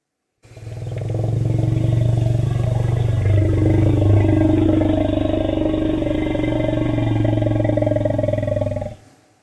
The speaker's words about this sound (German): Das ist der Rumble. Genau. Der Elefanten-Rumble, für den es eigentlich gar kein wirklich gutes deutsches Wort gibt. Rumble heißt Grollen, aber man sagt auch auf Deutsch der Elefanten-Rumble.